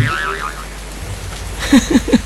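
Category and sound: nature, heavy rain falling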